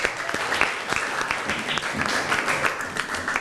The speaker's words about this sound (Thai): เก่งมากขอเสียงปรบมือให้เพื่อนหน่อย